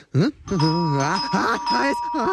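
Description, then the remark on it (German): A doorbell rings with a long, steady, shrill tone, loud, while a wavering voice sounds over it for about two seconds. “Warum klingelt diese Klingel wie ein Bombenalarm aus dem Zweiten Weltkrieg?”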